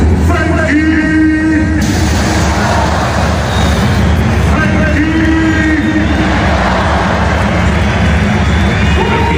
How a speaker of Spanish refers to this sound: Escuchamos esos pitos a Frenkie de Jong.